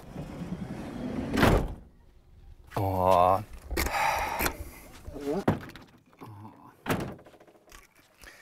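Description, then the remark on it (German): A camper door at a campsite slides and thumps shut with a few solid knocks and scraping, while someone briefly reacts aloud in between. “Ach so, muss ich die Tür zumachen?”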